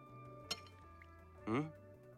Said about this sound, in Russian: Вяло ковыряется вилкой в спагетти с креветками. Откладывает вилку.